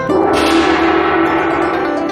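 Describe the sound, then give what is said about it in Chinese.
A large brass gong, one of the old items on offer while bargain-hunting, rings out from a single strike, its loud shimmering tone sustaining and slowly decaying, with bright overtones fading across the two seconds. “品种挺多样，色彩丰富的玉石花盆景，百年历史留声机，还有那一敲就响的大铜锣。”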